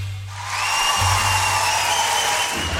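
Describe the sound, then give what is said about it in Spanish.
A washing machine's end-of-cycle signal sounds as one long, steady, high electronic tone with a buzzy edge, held for over two seconds over a hissing, humming background. “cómo me asusta con el timbre de la lavadora. Yo pensé que mi lavado había terminado.”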